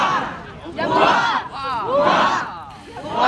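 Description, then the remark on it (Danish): A large crowd cheers and shouts in loud, surging waves, voices rising and falling together in rhythmic bursts of acclaim, with no clear speech standing out, greeting the royal couple as they walk down to the quay at Odense Harbour during a royal visit to Odense. “For en halv time siden gik kongeparret fra Borre og ned på kajen i Odense Havn til stor hyldest.”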